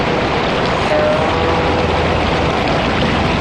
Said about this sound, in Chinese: 听，是风声。哦，是江水声。